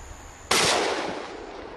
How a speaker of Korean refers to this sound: 다시 총소리가 울렸습니다. 현재로선 인간의 사냥만이 개체수를 조절하는 유일한 길입니다.